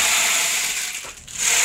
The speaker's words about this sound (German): Ja, es ist eigentlich ein Percussion-Instrument. Das kann man auch kombinieren. Genau. Oh. Klingt wie ein Regenmacher, so ähnlich ist es auch.